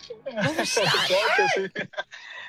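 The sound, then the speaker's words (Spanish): A cat meows loudly, a drawn-out, wavering cry that rises and falls, followed by a few short, scratchy bursts of noise. “¡Manuel, agárrame el gato y juega con él!”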